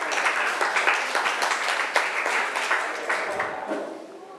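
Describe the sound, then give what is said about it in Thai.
A group of students applauds the presenter in a classroom, a dense, steady patter of many hands clapping for about four seconds before thinning out and fading at the end. “ปรบมือให้พรีเซนเตอร์สุดหล่อ”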